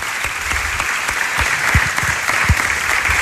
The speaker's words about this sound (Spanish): Vamos a dar un aplauso a Bárbara también